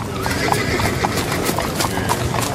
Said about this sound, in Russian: По темной улице бешено налетели конские копыта.